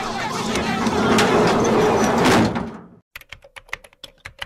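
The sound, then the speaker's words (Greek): A loud, dense wash of noise is cut off abruptly as a door is shut, leaving near silence broken by a quick series of sharp clicks and taps. “Yo, close this fucking door, man. I'm shutting this shit down.”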